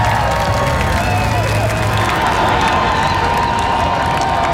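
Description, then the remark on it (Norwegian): Tens of thousands of fans with red shirts, Viking helmets and flags on Slottsplassen cheer and applaud the men's national team World Cup heroes in a continuous, loud roar of clapping and shouting, voices blending into a dense wash of noise that holds steady throughout. “Gående samlet ut på Slottsplassen til jublende applaus og garden oppstilt, fikk VM-heltene endelig møte folket som har heiet dem frem.”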